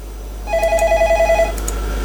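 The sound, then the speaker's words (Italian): A telephone rings in one rapid electronic burst of about a second, a pulsing trill of short repeated tones, clear over a low steady hum, with no one speaking. “però pure il telefono rispondi tu.”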